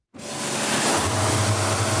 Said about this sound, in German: Der 59-Jährige ist gerade mit einem speziellen Hochdruckreiniger dran, den Rumpf von einem Motorboot abzuspritzen. Das Wasser muss vorher auf bis zu 60 Grad aufgeheizt werden.